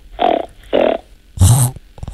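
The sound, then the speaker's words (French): A child imitates a pig's grunt with the nose: two short nasal grunts in quick succession, then a louder, raspier snort, with no talking in between. “Alors, j'ai entendu la poule et le cochon.”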